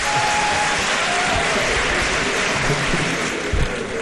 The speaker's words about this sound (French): Bien applaudi. Oui, aussi. Bamba Cissé qui prend son temps avant de s'adresser aux députés. Je vais bientôt concurrencer le Premier ministre au concours de l'applaudissement.